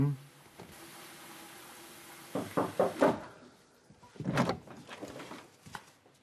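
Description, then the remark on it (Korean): A door slams shut with one sharp, loud bang, preceded by a few quick knocking and rattling noises, then muffled voices and soft shuffling follow over a steady low hum. “아니, 그렇게 문 쾅 닫고 들어가면 내 기분은 뭐가 돼?”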